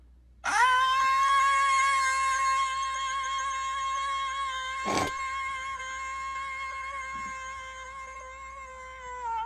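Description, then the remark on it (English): A person imitates a ghost with one long, steady, wailing voice tone that holds nearly unbroken for about nine seconds. A brief sharp click cuts through partway, and nobody speaks. “Just do the ghost noise.”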